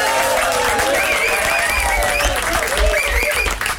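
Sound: studio audience applause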